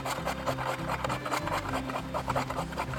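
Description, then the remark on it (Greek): A potato being grated: steady, rhythmic rasping strokes, many in quick succession at an even pace, with a low droning tone running underneath. “Τρίβουμε μία πατάτα.”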